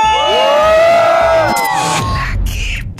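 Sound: crowd shouting a cheer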